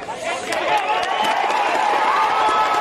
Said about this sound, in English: After hours of working, nothing deters this group of volunteers and first responders, all of them hoping for a miracle. In Pereira, a brief moment of silence to listen for signs of life, and then cheers.